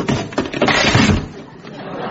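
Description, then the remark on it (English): A loud wooden crunch and clatter as an old chair gives way and collapses under someone sitting on it, lasting about a second before settling into quieter rustling and debris. “Don't worry, that was an old chair.”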